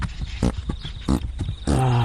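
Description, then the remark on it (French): A Friesian horse vocalizes on a hillside where horses are bred: a few loud, rough snorting bursts, then a sustained, tonal whinnying call at the end. No one speaks. “Ah, il faut vraiment aimer les frisons, hein. Potelés, poilus et péteurs.”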